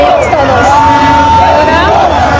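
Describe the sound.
A dense street crowd on Avenida Reforma in Mexico, by the Angel statue, cheers and shouts celebrating a home football victory, loud and continuous, with whoops and horn-like tones rising over a constant roar of many voices.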